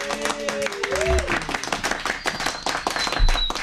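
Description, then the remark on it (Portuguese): A studio audience applauds the hosts at the close of the show with dense, steady clapping for several seconds, mixed with scattered cheering voices and a brief whistle-like tone, fairly loud. “Eu quero encerrar de uma forma diferente hoje, com a plateia aplaudindo a gente, por favor.”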